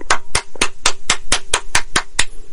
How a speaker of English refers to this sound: I'm going to pause now for a moment to applaud the writer of that ad.